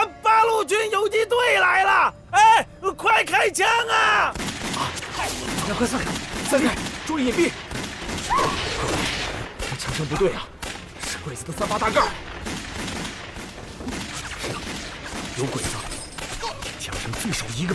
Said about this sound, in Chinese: 这枪声不对啊，是鬼子的三八大盖。 有鬼子，枪声最少一个班呢。